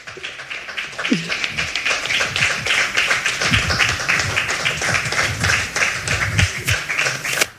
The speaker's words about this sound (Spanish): Sí, hombre, aplaudan, que nos gusta.